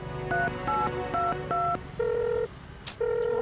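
Four quick electronic telephone keypad beeps in steady succession as a number is dialed to call Mr. Liu, followed by two longer, evenly spaced tones, all clear with no talking.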